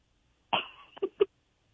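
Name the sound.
person coughing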